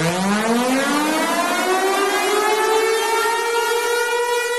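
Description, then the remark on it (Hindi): A loud warning siren from the Pare Hydro Power Station wails steadily, its pitch slowly rising over several seconds in a continuous tone with strong harmonics, with no voices present. “जब भी आप ऐसे सायरन की आवाज सुने तो तुरंत नदी और नदी के रास्ते से हट जाए।”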